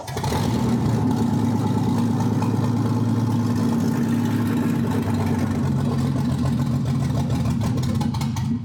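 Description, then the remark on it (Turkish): A small engine with no exhaust, freshly refuelled and with its carburetor being fed fuel, fires up loud, running with a rough, throbbing drone for several seconds and sputtering near the end as it fails to keep running, with no one talking. “Karbüratöre yakıt verdiğimizde ateşleniyor ama çalışmaya devam etmek istemiyor.”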